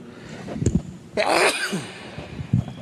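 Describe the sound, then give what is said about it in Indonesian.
A single loud sneeze, preceded by a quick sharp inhale and followed by a faint breathy exhale, with no speech around it. “Alhamdulillah. Yahdikumullahu yuslihu balakum.”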